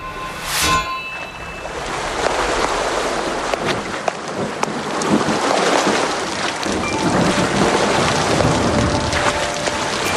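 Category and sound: nature, rain with thunder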